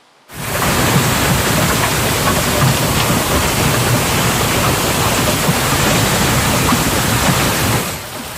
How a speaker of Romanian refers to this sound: Furtună devastatoare cu grindină de dimensiunea unei mingi de golf la începutul verii în Statele Unite. Iată și imaginile.